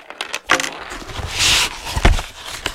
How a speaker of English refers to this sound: Let me move these slates and slate pencils out of the way so we can play dolls.